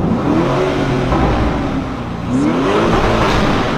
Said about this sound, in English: An SUV with this kind of sound. How beautiful this is.